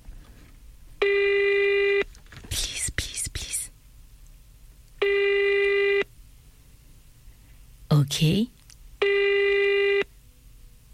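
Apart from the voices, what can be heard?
telephone call ringing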